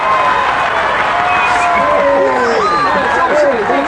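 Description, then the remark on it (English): A big crowd cheers and shouts at a train station in Portland, Oregon, as a train carrying Navy men pulls in. Many voices overlap in a loud, continuous roar that stays steady for the whole stretch, with some calls rising above the din. “There was a large crowd of people at the station.”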